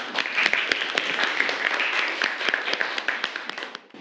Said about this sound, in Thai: เดี๋ยวเราไปดูการนำเสนอจากเพื่อนคนแรกของห้องต้นทางครับขอเชิญครับปรบมือให้เพื่อนหน่อย